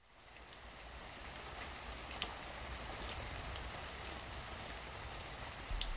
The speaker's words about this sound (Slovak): Prší, prší. Prší, prší jednotvárne.